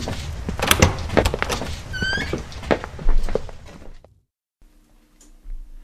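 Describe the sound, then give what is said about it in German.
A door rattles and clunks open with a brief high squeak amid shuffling knocks and thuds as people step through it into a cozily furnished study, then the noise cuts off abruptly to near silence and a faint low hum. “durch die Tür traten, standen sie in einem gemütlich eingerichteten Studierzimmer.”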